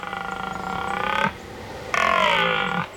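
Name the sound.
red deer stag bellowing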